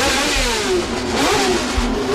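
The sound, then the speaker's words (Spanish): Formula 1 race car engines at the Jarama circuit roar loudly and continuously, their high-pitched whine rising and falling as the cars rev and pass, with no voices present. “El ruido de los motores era atronador.”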